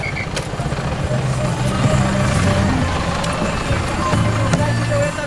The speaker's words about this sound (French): Les bus s'appellent des collectivos. Des fourgons Volkswagen décorés comme des roulottes, rideaux frangés au carreau, des vierges et les pattes de lapin sous le rétroviseur.